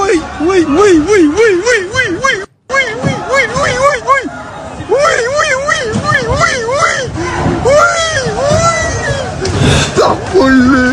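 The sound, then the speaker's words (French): A crowd of shoppers in several Lidl stores in France shouts and screams at once during a sale of 200,000 air conditioners and fans, in a dense, chaotic din, with shrill, wavering cries rising above overlapping voices. A brief cut to silence comes before the uproar resumes. “Alors, ces cris que vous venez d'entendre n'ont pas été enregistrés lors d'un mouvement de foule ou d'une manifestation qui dégénère, mais dans plusieurs magasins Lidl qui mettaient en vente aujourd'hui 200 000 climatiseurs et ventilateurs.”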